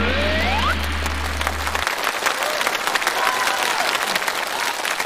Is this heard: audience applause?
yes